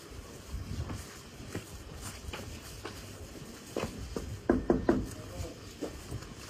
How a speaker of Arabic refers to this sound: ما بعرف كيف الشب دق عليه الباب.